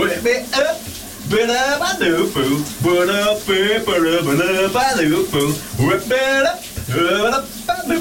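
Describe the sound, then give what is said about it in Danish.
A man sings a shower hit loudly and energetically on a Monday morning, with a wavering, melodic voice, while a steady hiss of running shower water sprays underneath throughout. “Han har som sædvanlig leveret et rigtig dejligt brusebads-hit.”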